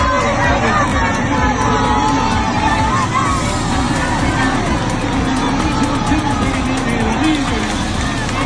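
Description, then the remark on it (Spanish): A crowd of 4,500 people at the Palacio de los Deportes in Logroño roars in a loud, sustained wall of cheering and shouting as the 1-0 goal is scored in extra time of the World Cup final, many voices blending into one dense, unbroken din that holds steady from start to finish. “Así explotaba, como vas a escuchar, el Palacio de los Deportes de Logroño con 4.500 personas cuando se marcaba el 1-0 en la prórroga de la final del Mundial.”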